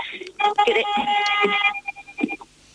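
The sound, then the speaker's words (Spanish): A car horn blares in one long, steady, fairly loud blast, with a voice murmuring faintly underneath; after it cuts off, brief talking continues. “Sí, no te preocupes, se oyó el pitido del coche, pero no molestó, no, sigue hablando, se te escucha decentemente.”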